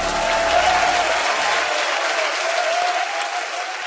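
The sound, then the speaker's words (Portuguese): An audience applauds the Lord steadily, a dense, sustained wash of many hands clapping at an even loudness throughout, with no voices standing out. “aplauda o Senhor.”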